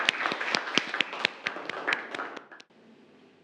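A group of students claps together in a classroom for two classmates who answered a question, a brief burst of fairly loud, slightly uneven applause lasting a couple of seconds before it stops abruptly into quiet.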